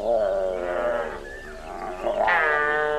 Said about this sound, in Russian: Да, вон, смотри, медведица.